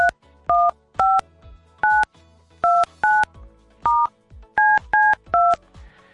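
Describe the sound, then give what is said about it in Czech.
A radio host dials a telephone number on a keypad to call someone live on air: about ten short, loud touch-tone beeps in quick, slightly uneven succession, each a clean two-note electronic tone, with no voices. “Já zkusím někomu zavolat.”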